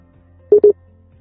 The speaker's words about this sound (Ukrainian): Ой. Щось з'єднання, немає з'єднання.